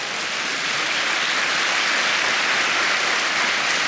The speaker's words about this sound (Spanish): Vamos a dar un aplauso al Señor por eso.